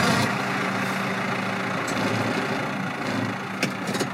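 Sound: tractor engine running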